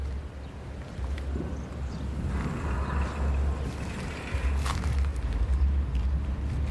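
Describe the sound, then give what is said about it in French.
Cars driving across the Pont Bleu (blue bridge) make a steady, deep rumbling drone with a windy hiss over it, and a brief louder whoosh passes partway through. No one speaks. “Et oui, c'était la bruit des voitures qui traversent le pont bleu.”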